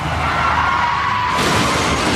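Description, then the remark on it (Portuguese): A loud, continuous burst of crashing noise, like a car tumbling over with metal grinding and glass breaking, that grows harsher partway through. “Chefe está capotando.”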